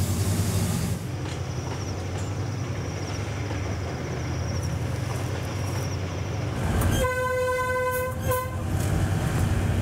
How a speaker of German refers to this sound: Um auf Höhe zu kommen, nutzt der Zug ein Weichensystem, das im Zickzack wie eine Art Treppe funktioniert.